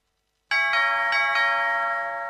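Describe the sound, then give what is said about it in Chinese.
A doorbell rings urgently, pressed four times in quick succession, its bright electronic chimes overlapping and sustaining. The ringing is loud, starting after a brief silence with no voices present. “睡得正香的林天阳被一阵急促的门铃声吵醒了，他只好一边挠着后背，一边抱怨着去开门。”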